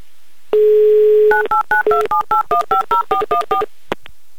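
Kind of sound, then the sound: signal or alarm, telephone number being dialed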